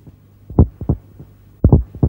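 A deep, thumping heartbeat sound effect in a time announcement on Radio Chersonisos 97.2 pulses in paired lub-dub beats, three doubled thuds spaced a little under a second apart, loud over a low hum, with no voices.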